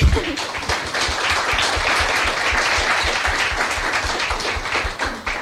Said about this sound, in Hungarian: Köszöntsük egy nagy tapssal!